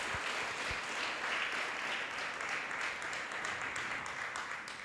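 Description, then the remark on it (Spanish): A church audience applauds the Lord steadily for about five seconds, a dense wash of many hands clapping at an even, sustained level with no voices standing out. “Denle un fuerte aplauso al Señor, aleluya.”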